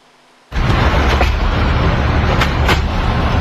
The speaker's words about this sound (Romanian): Și acum un fenomen extrem de rar la Roma s-a întâmplat. O tornadă a devastat capitala Italiei. În doar câteva minute, tornada a luat pe sus mobilierul stradal, a smuls copacii din rădăcină, a mutat mașinile parcate.